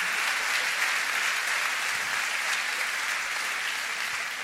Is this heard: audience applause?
yes